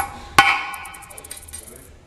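A single hard hammer blow strikes a metal letter stamp, punching the letter U into a drilled metal shopping-trolley chip: a sharp crack followed by a bright metallic ring that fades over about a second, leaving faint high ticking behind.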